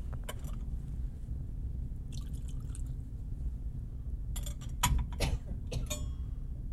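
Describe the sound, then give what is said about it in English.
A brief, quiet trickle of water being poured into wine in a chalice, with a few light clinks and drips over a steady low hum, no talking. “For the mystery of this water and this wine, may we come to share in the divinity of Christ, who humbled himself to share in our humanity.”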